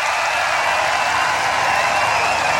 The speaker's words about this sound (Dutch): Groot applaus in het publiek.